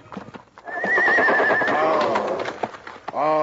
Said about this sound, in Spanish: Fue a las caballerizas. Iba a desatar su caballo para ensillarlo.